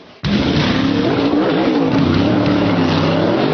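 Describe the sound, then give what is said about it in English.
Stock cars roaring around a track during practice for the Coca-Cola 600: a loud, steady engine drone that cuts in abruptly and holds, its tones wavering slightly in pitch, with no voices. “Practice continuing here, 15 more minutes on the clock for the Coca-Cola 600 practice.”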